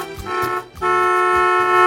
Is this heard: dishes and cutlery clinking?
no